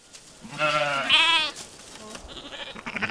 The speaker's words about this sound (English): Navajo weavers are bringing a flock of Churro sheep up the mountains to a summer sheep camp on top. It's a yearly celebration.